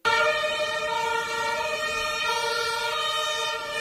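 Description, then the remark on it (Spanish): Ambulance sirens in Berlin, Germany, after a vehicle drove into a crowd at a Pride celebration, blare loudly and continuously, a bright, harmonically rich wail holding steady over a wash of street noise, with no one talking. “Es el sonido de las ambulancias en Berlín tras el atropello múltiple que se produjo anoche en la celebración del orgullo en la capital alemana.”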